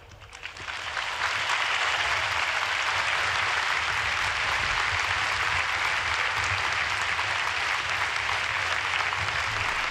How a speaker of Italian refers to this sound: E questo grande applauso di la gente che gremisce lo stadio Arena di Lampedusa conclude l'omelia del Santo Padre.